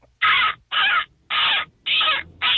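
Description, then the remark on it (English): A person imitates a seagull for a seagull calling contest, giving five loud, harsh squawks in a steady rhythm, roughly two per second, with no talking in between. “Oh, I called in for a seagull calling contest, obviously.”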